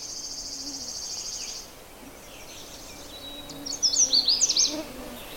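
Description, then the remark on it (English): A steady high insect-like buzz fades, then a Canada warbler in the brush delivers a quick, bright phrase of rapid, sharp high-pitched chirps, fairly loud, with no talking. “Even when they're singing like this, they're very hard to find.”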